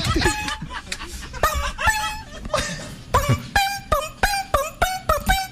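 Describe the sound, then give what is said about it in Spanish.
A person imitates the call of the bellbird (pájaro campana) with their tongue: loud, ringing whistle-like notes, loosely spaced at first, then quickening into a steady run of sharp, evenly timed calls. “No, es que yo lo estoy tocando con la lengua.”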